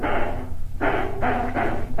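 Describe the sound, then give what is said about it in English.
A dog named Tino barks repeatedly, about five loud, hoarse barks in a quick, uneven series, with a longer bark first and shorter ones following close together, no talking. “If you don't stop barking, I'm going to leave Mr. D's show on.”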